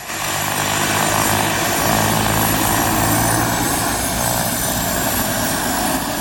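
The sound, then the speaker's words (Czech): A propeller aircraft engine drones loudly and steadily at an air show in Kunovice, its deep throbbing hum holding constant for several seconds with no voices. “Milovníci letadel mohli obdivovať nejrůznější typy letounů Avia, Aero nebo Let, včetne 6410.”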